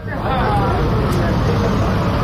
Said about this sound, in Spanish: es que a veces, cuando quieren entrar en su pueblo, el ejército israelí lo cierra, y lo hace con una barra metálica que impide el paso de los coches, y hemos visto cómo se iban, bueno, amontonando ahí los coches. Vamos a escuchar el sonido ambiente.